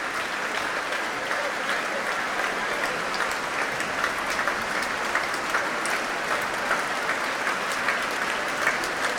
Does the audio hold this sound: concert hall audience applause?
yes